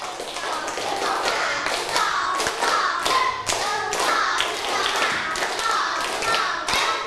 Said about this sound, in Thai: ปรบมือเป็นสเต็ป1รอบ